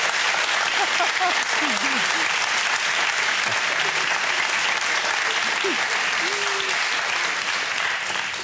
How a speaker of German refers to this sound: Und der Applaus geht nach Lebenstedt.